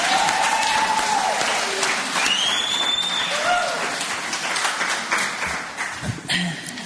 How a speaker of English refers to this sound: Wonderful. Let's give them another round of big applause.